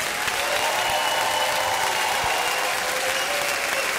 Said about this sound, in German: Einen fantastischen Applaus an die beiden Solistinnen